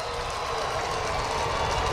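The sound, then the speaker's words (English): A steady roar of a section of a baseball stadium crowd cheering for a player after a stolen base, broad and continuous, holding an even level throughout with no clear voices standing out. “He's from Atlanta, like we mentioned earlier, and you could hear a pretty strong section of the stadium cheering for him.”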